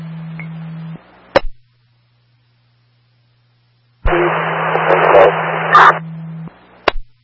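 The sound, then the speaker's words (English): Two bursts of harsh, hissing radio static with a low hum underneath, each cut off by a sharp squelch click, separated by a few seconds of dead silence, like a garbled two-way transmission. “Repeat, your radio is very static.”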